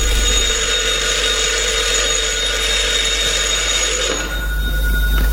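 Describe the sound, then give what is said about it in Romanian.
A newly installed telephone in a house rings loudly and without pause, a steady metallic jangle filling the space, shifting slightly in tone near the end before carrying on. “Telefonul, proaspăt instalat, nu mai contenește să sune.”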